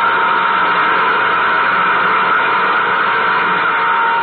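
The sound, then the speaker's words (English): A nuclear jet engine, number two, roars steadily and loudly at takeoff, a dense, unbroken rushing drone that holds the same level for the whole stretch, with no voices over it. “Cut in nuclear jet number two.”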